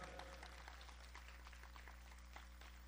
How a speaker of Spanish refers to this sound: Dele fuerte ese aplauso, así es para Él.